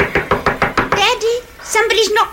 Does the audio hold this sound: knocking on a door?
yes